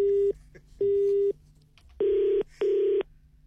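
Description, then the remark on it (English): A telephone line tone after a hang-up: four loud, steady beeps of about half a second each, evenly spaced, with a faint hum between them and no voices. “Did you put the phone down on me? Yes”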